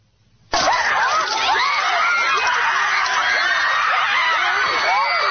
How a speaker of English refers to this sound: Howling for blood, screaming in hatred.